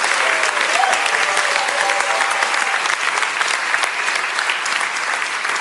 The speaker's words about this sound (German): Und mit diesem Applaus sagen wir danke für deinen Wunsch.